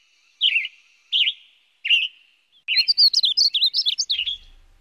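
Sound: western tanager song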